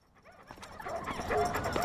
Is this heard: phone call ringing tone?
no